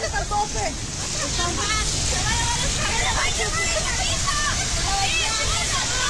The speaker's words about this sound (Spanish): así se te metió bien machín el agua. Es que mandó unos videos.